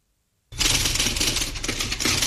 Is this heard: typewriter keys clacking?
yes